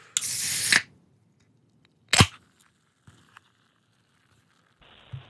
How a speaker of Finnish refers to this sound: Katsotaan, että kuinka lähellä se bisse on oikein sydäntä ja jotenkin sitä korvakäytävää, kun täältä me ruvetaan sihauttaa ensimmäinen tölkki auki